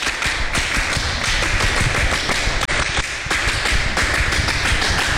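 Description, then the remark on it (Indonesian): A group claps the Indonesian scout (Pramuka) rhythmic clap, a quick patterned beat done twice with a brief break between rounds, loud sharp hand claps filling the whole stretch with no voices. “Dua kali tepuk pramuka.”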